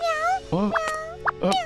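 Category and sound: animal, cat meowing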